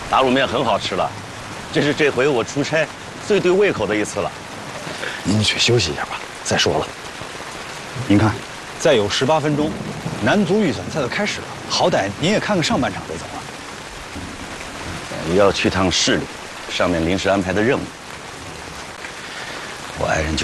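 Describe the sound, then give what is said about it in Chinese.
Steady rain patters on surfaces in a constant hiss, with several people talking loudly over it. “哎呦，下雨了”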